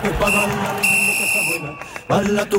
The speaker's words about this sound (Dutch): Oei, dat was iets. Wat was dat nou voor geluidje? Een fluitje volgens mij.